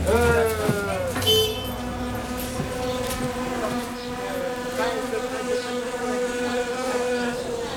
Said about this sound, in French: Là, t'entends? Ce bruit qui ronronne, c'est lui. N'importe quoi. C'est des guêpes. Alors filons, on va se faire piquer.